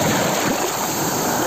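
A steady wash of ocean surf at the beach of Laxe on the Costa da Morte, a dense hiss of water rushing on the beach with no individual breaks standing out and no voices.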